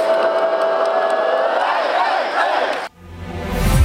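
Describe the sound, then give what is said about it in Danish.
A large crowd of thousands of AGF football fans in Aarhus cheers and chants in a loud, sustained roar for about three seconds, then it cuts abruptly to a brief dip before another swell of crowd noise rises. “der stod som sædvanligt tusindvis af AGF-fans.”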